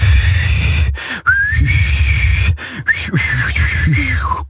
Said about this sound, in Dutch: hoe je denkt dat je klinkt als je fluit. Versus de realiteit.